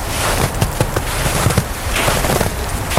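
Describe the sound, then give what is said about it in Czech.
Snow crunches underfoot on a path, a steady, gritty crackle broken by irregular sharp crunches, fairly loud and with no voices. “Máme tady křupání sněhu na cestě.”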